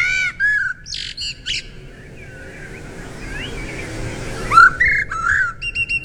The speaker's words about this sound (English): Well, they might not be the most colourful garden visitor, but apparently blackbirds have the prettiest bird song of all. And this is according to experts. So, do you know what the blackbird sounds like? Have a listen. Oh, here he is.